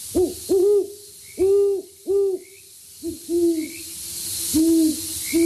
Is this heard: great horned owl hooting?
yes